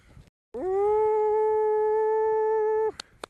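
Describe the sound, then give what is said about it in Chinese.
A young wolf, one of two young wolves, Gege and Linlin, taken to a vast grassland for wild training, lets out one long, loud howl, holding a steady pitch for a couple of seconds before dropping off, followed by a few faint clicks. “到现在的话它已经是一个多月了，我想要对他们进行一个野外训练，要训练成真正像野外的狼一样。”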